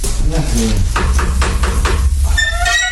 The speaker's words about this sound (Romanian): Da, ia vină cu așa să batem la ușă să vedem despre ce e vorba.